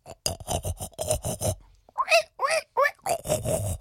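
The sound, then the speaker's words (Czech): A voice imitates a pig on the way to school: a quick run of rough, rasping grunts, then a few higher, squealy oinks, then more snorting grunts to finish, all fairly loud. “A my vám dneska zachrochtáme po cestě do školy.”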